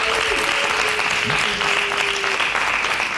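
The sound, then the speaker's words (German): A crowd erupts in loud, sustained noise, clapping, cheering and shouting together, with a whistle-like tone cutting through for a couple of seconds before the roar continues steadily, as an audience votes by making noise for the cuboid (Quader) option over the hexagon. “Ist es für euch der Quader? Dann lärmt bitte jetzt!”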